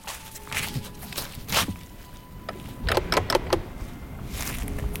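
Footsteps crunch up a path on the island of Fjuk toward a lighthouse on a height, an uneven series of moderately loud steps, with a quicker cluster of scuffing treads toward the end over a low outdoor rumble.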